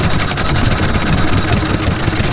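A small Olympia 3.5 horsepower outboard boat motor runs steadily in the archipelago in summer, a continuous buzzing drone with a rapid mechanical chug, loud and unchanging throughout.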